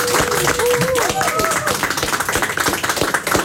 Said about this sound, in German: Okay, weil du dich so getraut hast, bekommst du erstens einen riesen Applaus.